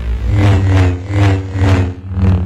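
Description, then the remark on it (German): A Star Wars lightsaber hums with a deep, steady buzz, swelling into whooshing sweeps roughly every second, as if the blade is being swung back and forth, with no voices over it. “Aber hey, Star Wars Fans, die kriegen da bei diesem Lichtschwert oder so gleich eine Gänsehaut.”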